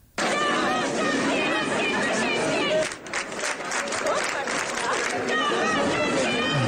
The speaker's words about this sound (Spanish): Ayer ya hubo manifestaciones en cuanto se conocieron los resultados. Este, por ejemplo, es el sonido en Frankfurt.